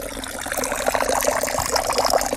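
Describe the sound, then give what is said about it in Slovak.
A thin stream of water trickles steadily from a spring behind the Príslop log hut in a forest, in dry weather, a continuous light splashing and gurgling with no voices. “Idem sa pozrieť, pretože je pomerne sucho a našťastie vodička tečie. Síce drobným a tenkým cícerkom, ale tečie.”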